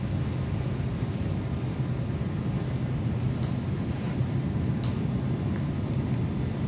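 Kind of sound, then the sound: nature, rumbling thunder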